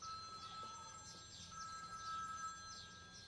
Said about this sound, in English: Is that someone's phone ringing? Oh, yes. I think it is. I think it's coming from your bag